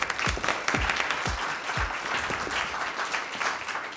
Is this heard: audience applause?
yes